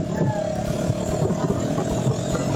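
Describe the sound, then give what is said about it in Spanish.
A motorcycle ridden without a helmet keeps going instead of stopping when told to; its engine rumbles steadily for the whole stretch, a continuous low drone with a faint higher whine, with possible muffled voices underneath. “La moto no es mía. Y no hay quiere detener.”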